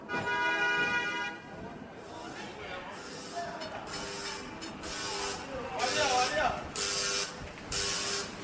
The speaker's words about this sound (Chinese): 北京时间12点，叮叮车在拥挤的车流中慢悠悠地穿行。